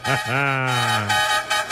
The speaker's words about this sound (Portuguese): Chama na buzina!